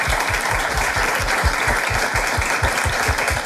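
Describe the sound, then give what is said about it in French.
A studio audience bursts into steady, dense applause, many hands clapping at once in a loud, continuous wash of sound with no voices on top. “Moi, je trouve que ça s'applaudit.”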